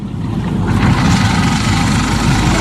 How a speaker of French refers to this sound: Ça tourne le moteur. T'as pas les bruits. Ça tourne, oui. Ça tourne.